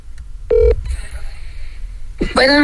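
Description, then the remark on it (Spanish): A phone number is dialed: a sharp electronic keypad beep, then a steady high electronic tone that holds for about a second before a voice briefly cuts in. “No me estén mandando teléfonos ahí que voy a marcar el que yo quiera.”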